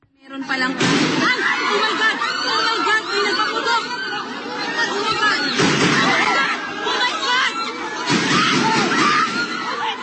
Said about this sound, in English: Now, despite the gunshots, Mr. De La Rosa escaped.